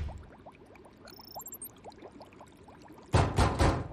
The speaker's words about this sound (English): I'm going. I know you are. I mean it. Don't close the door on your way out.